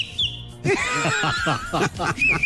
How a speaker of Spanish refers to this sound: No, es que chiflar es una cosa útil. Yo no entiendo a la gente por qué ya no sabe chiflar. Si no, es una cosa de verdad útil, importante en la vida. Las nuevas generaciones no saben chiflar.